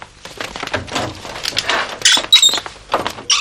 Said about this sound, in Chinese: 把门关上。 这关门。